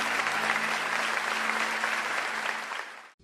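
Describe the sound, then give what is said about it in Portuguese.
Sustained audience applause to the Lord after a prayer at the Igreja do Evangelho Quadrangular da Vila Industrial, a dense wash of many hands clapping at steady loudness for about three seconds, with a low steady hum underneath, then an abrupt cutoff. “Se você concorda com essa oração, dá um forte aplauso ao Senhor, diz: eu quero ser essa geração.”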